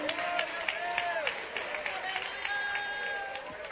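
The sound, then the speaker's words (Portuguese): A church audience at a worship service applauds to glorify God in a steady, dense patter of clapping that continues throughout, mixed with sustained voices singing or calling out over it. “Assenta, mais glorificando a Deus, aplaudindo o seu santo nome.”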